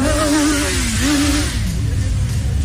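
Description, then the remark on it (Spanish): A fast motorcycle's engine revs hard as it speeds off in Mexico City, its buzzing pitch climbing and dipping a couple of times as it accelerates, loud and continuous throughout. “Y entonces ahí arrancan, traen una moto más rápida.”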